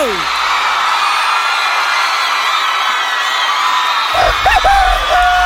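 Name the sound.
applause and cheering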